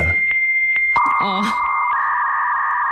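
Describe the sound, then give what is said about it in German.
A dial-up modem connecting to the internet: a steady high tone with clicks, then warbling, sweeping chirps and a burst of hiss, settling into sustained screeching carrier tones, loud. “Oder hier vielleicht, auch wenn Sie sowas noch rumstehen haben, das könnte ja auch sein, dass Sie möglicherweise Ihre Internetverbindung immer noch aufbauen, indem Sie...”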